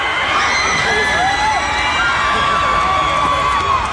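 A concert crowd on a Saturday night cheers and shouts in a steady, loud roar, with high whoops and screams rising above the dense din, reacting after the singer used a drumstick to hang a pair of underwear thrown on stage onto his bandmate's microphone.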